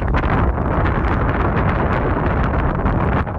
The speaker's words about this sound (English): Yeah, unfortunately, it was quite windy up there, so I couldn't really hear them.